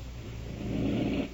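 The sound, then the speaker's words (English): A harsh, raspy breathing noise from a breathing device helping a woman breathe rises into one strained, rumbling pull and then stops. It is moderately loud, with no talking. “What is that prick? Is it for breathing?”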